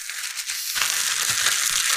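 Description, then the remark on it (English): Steady plastic rasping and crinkling as a Ziploc plastic bag is zipped shut, a dense hissy rustle that thickens partway through and continues to the end, with no voices. “Zip this up.”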